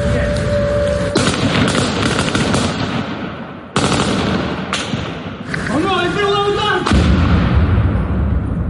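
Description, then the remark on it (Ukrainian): Loud, harsh bursts of noise as a fibre-optic FPV drone hits a car parked nearby, with rapid gunfire-like cracks as a police mobile fire group tries to shoot the drone down, a brief rising electronic whine, and voices shouting over the chaos. “Але, на жаль, ФПВ влучає в авто, припарковане поруч, і на щастя, що в цьому авто нікого не було.”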